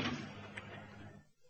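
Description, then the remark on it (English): A door slams shut with a loud, sharp bang, followed by a brief rattle and a rumbling echo that fades out over about a second. “The door.”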